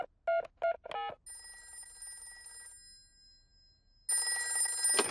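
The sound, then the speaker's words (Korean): A few quick electronic beeps of a number being dialed give way to a steady ringing tone as a telephone call is placed to an animal hospital about a sick goldfish. The ring swells louder near the end, with no voices. “동물병원에 전화해봐야겠다.”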